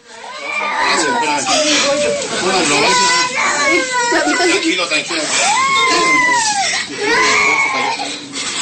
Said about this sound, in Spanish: De verdad que todavía el audio de este video hace más dramático, más dramática la escena. El niño llorando, la señora que no le deja de sangrar la boca, y de verdad que es una escena terrible.